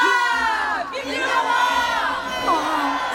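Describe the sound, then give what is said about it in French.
A large crowd erupts in loud, joyful cheering, with many overlapping voices shouting and whooping together in a sustained roar that fills the whole moment. “C'est l'explosion de joie.”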